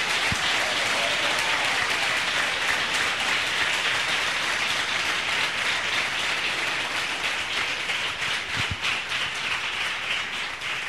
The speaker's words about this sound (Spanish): Un fuerte aplauso de los salvadoreños.